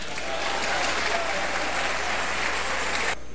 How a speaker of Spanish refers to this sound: Dile palmas al Señor.